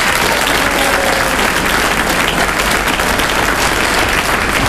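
A crowd applauds steadily, a dense wash of many hands clapping at constant loudness for several seconds with no one speaking.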